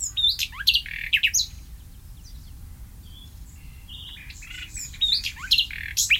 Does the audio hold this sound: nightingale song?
yes